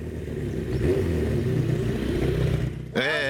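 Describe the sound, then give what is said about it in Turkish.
A four-cylinder car engine runs loud with a steady, throaty rumble, then briefly dips before revving up sharply at the very end. “Artık dört silindirde gibi.”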